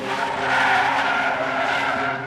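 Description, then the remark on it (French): A car brakes hard and stops beside a woman walking near Montpellier, France, its tires screeching in one loud, sustained skid lasting a couple of seconds before tapering off. No voices. “qu'elle sortait du tram de Pérol, à proximité de Montpellier, qu'elle allait rejoindre des amis à une soirée, et que sur le chemin à pied, une voiture s'est arrêtée.”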